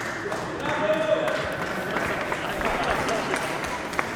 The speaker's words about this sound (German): Okay, erst kurz ein Applaus